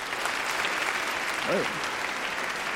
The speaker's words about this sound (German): Applaus für